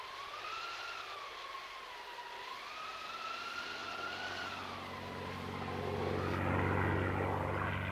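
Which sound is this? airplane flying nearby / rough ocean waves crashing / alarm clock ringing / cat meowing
airplane flying nearby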